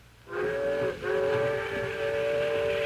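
A loud steam train whistle blows in two long, steady blasts with a brief break between them, its rich chord-like tone ringing over a faint hiss.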